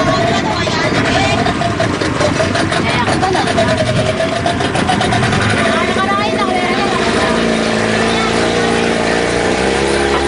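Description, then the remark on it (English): A small boat's outboard motor drones loudly and steadily throughout on a calm day, a continuous rumble with a churning mechanical buzz, as the boat heads to shore at Washington through a narrow channel blasted through coral; a voice is partly buried beneath the engine noise. “make the trip to shore through this narrow channel that had been blasted through the coral at some point and into which the waves now pound the shore unremittently.”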